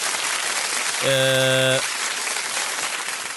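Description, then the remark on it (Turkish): A steady burst of crowd applause, dense and crackling, runs throughout at even loudness, briefly overlaid in the middle by a short, buzzy harmonic tone. “Alkışlar arılar için gelsin, gülmede o zaman bizim espriye gelsin diyelim.”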